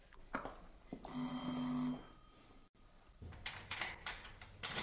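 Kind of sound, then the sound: household object, doorbell ringing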